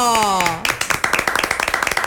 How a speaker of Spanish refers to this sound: Ellas son la presidenta y la vicepresidente de Caprestur, de Caprestur, que es la Cámara de Prestadores de Servicios Turísticos de Paso de la Patria. Las recibimos con un fuerte aplauso